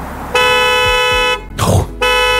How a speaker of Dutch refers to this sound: Goed, hè? Een signaal. Ja, echt hard beginnen toeteren, maar ja, het lijkt mij wel top dat het staat.